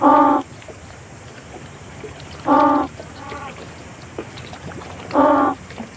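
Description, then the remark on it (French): In an acoustic playback experiment at sea, three loud, harmonic penguin calls are played from a loudspeaker about every two and a half seconds. Each is answered by a fainter, shorter call from a group of penguins. All of it sits over steady rushing noise from wind and water. “Et bien là, ce qu'on vient d'entendre, c'est justement une expérience de repasse acoustique en mer. Donc les premiers cris qu'on a entendus, c'est les cris qu'on a émis avec le haut-parleur.”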